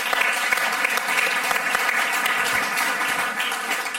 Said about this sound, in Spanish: Un aplauso para ….